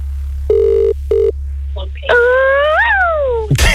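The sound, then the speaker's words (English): Two short, steady ring-like tones in quick succession, followed by a longer rising and falling tone, apparently a voice imitating a telephone ringing over a constant low hum. “So if this is your phone ringing now, please do what you got to do.”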